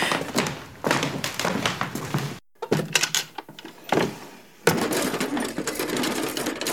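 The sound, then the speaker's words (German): Drawers holding tablets are pulled open and pushed shut several times in quick succession, with sliding scrapes and dull thuds separated by brief pauses and no talking. “Sieh mal, da vorne sind die Schubladen mit den Tabletten, die wir brauchen.”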